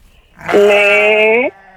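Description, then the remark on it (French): A single sheep bleats once in a pasture, loud, a drawn-out wavering call lasting about a second that lifts slightly in pitch before cutting off, against a quiet outdoor background. “Il y a 1 million de personnes qui écoutent, on se concentre sur le mouton.”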